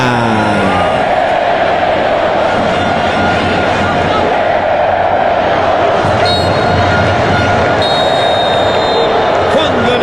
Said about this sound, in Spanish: De fondo lo escuchan ustedes, el referee, el señor Mohamed Amir, suena el silbato.